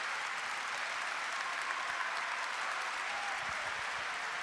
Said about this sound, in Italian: e qui di fianco a me, come sapete bene perché siete intervenuti in tantissimi qui apposta per lui, c'è Paolo Ruffini, che saluterei con un grande applauso.